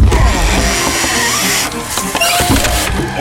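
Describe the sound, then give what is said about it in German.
A spade prying open a wooden box lid: strained creaking and squealing of wood with scraping grinds, continuous for a few seconds with a brief sharper squeak near the end. “Wenn ich den Spaten zwischen Deckel und Kiste drücke, dann”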